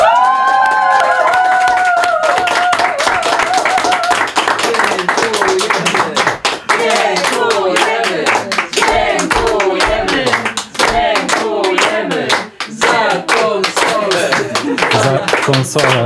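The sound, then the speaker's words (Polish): A studio crowd claps steadily and loudly throughout as a fundraiser reaches 350,710 zł, with cheering voices and shouts mixed in, starting with a few drawn-out whoops before the applause fills the whole stretch. “350 710 zł, a w studiu tłum.”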